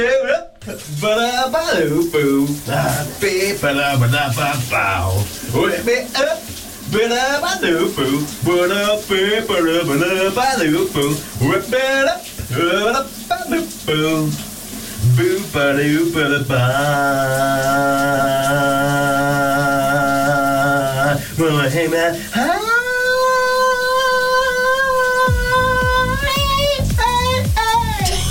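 Someone sings a hit song loudly and wordlessly under the shower in the morning, over the steady hiss of running shower water, the melody wavering and straining, ending on long sustained high notes as the spray keeps pouring.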